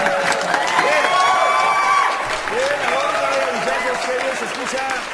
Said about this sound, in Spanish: ¡Qué barbaridad! A ver, el aplauso. Venga.